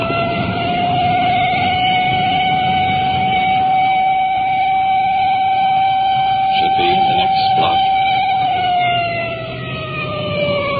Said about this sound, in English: Code approach each intersection, that siren hits such a high peak it's almost impossible to talk.